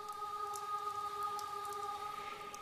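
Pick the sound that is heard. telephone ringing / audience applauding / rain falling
rain falling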